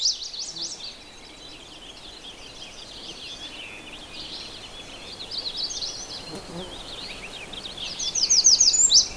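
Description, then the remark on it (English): An American redstart sings a short, emphatic series of repeated high notes near the end, rising above a steady background of busy, chattering finch calls. “The redstart just went tweet, tweet, tweet, tweet, kind of an emphatic song.”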